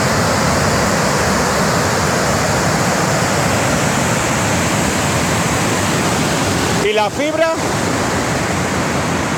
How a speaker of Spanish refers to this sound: Es el sonido del vídeo grabado por un vecino de la zona. En las imágenes se ve cómo el agua atraviesa toda la carretera y cae en forma de cascada, obligando a cortar la circulación tras arrastrar árboles, maleza y demás vegetación